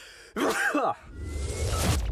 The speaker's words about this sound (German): Oh, ich muss niesen.